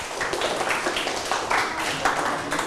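A crowd claps steadily for group 3, which scored seven smiles, in a dense, continuous patter of many hands, fairly loud and sustained for the whole stretch, with slight swells in intensity and no voices standing out.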